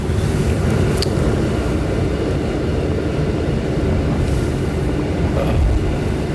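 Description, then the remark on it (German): A train rumbles and rattles steadily as it rolls into a tunnel of the Warsaw underground, a dense low-pitched roar with occasional metallic clicks and squeaks over the constant din. “So, jetzt fahren wir in den Tunnel rein, fahren jetzt hinein, Warschauer Untergrund, Kanalisation ist es nicht, sondern nur dieser Tunnel, aber ihr merkt es vielleicht an dem Sound.”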